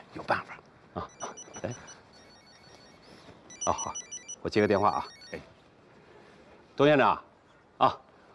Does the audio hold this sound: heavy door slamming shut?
no